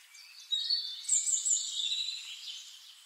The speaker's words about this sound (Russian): А где-то далеко вверху послышалось знакомое пение птиц.